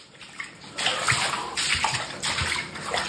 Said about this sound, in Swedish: I ett videoklipp som man sparat ser man hur golven täcks av en gråbrun sörja. Fy fan. Det är avloppsvatten som har pressats upp bakvägen av regnmängderna upp genom golvbrunnen i duschen.